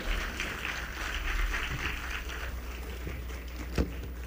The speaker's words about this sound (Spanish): fuerte aplauso al piano y a nuestros violonchelos.